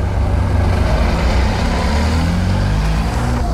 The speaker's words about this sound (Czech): Krampy už najíždí další auto